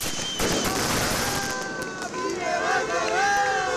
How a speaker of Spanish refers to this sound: Lo hacían entre bengalas, aplausos y gritos de apoyo por parte de trabajadoras y trabajadores de otras empresas de Yeraldea que también pasan por conflictos laborales.